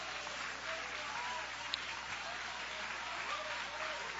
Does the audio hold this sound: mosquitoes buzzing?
no